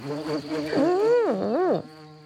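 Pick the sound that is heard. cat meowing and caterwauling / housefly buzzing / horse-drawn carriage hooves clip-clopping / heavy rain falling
housefly buzzing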